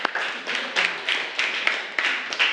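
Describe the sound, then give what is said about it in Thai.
A group of students in a classroom clapping for a classmate who gave a correct answer, in a steady, rhythmic pattern, bright and fairly loud, with regular bursts of claps repeating about every third of a second, no voices over it. “ถูกต้องค่ะโอเคปรบมือให้กับเพื่อนของเราค่ะ”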